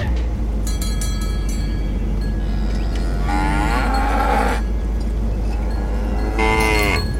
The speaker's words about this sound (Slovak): Brzdi, kravy!